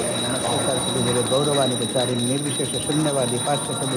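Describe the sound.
A small bell rings steadily and high-pitched throughout a food offering to Krishna, a continuous shimmering tone running beneath voices chanting a melodic, rising and falling mantra.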